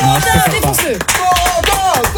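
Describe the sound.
Loud, steady audience applause fills the whole clip, dense clapping mixed with cheering and whooping voices rising and falling over it.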